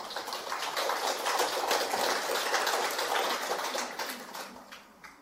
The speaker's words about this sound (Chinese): 啊，大家鼓掌可以前后鼓一下就可以啊，这样大家才不会太累。啊，这个鼓掌啊也是看时机啊，或者是前后啊，开始前或者讲完之后，或者都没鼓也没关系的啊